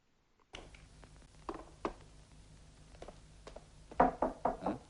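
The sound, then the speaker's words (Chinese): Sharp knocks on a door at night, heard from the kitchen where an old cook has just put noodles in the pot: a few scattered raps, then a quick, urgent burst of three or four loud knocks near the end, over a low background hum. “厨房内，一位负责食宿的老师傅正在准备晚饭，他刚把面条下锅，就听到了一阵急促的敲门声。”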